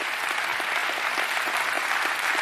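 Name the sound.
audience hand clapping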